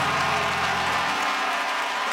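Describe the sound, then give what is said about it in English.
Steady, dense applause from a crowd, a continuous wash of many hands clapping at once, loud and unbroken with no voices standing out. “Come on, clap your hands and say he turned him.”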